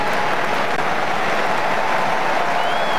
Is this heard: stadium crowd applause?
yes